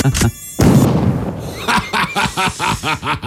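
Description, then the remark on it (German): In a studio, a loud voice mimics a buzzing mosquito in a string of short, wavering bursts, preceded by a sharp smack and a brief rush of noise. “Geheimfächer, in denen er damals Mücken an Gott vorbeigeschmuggelt hat. Gott, jetzt ist hier einer im Studio.”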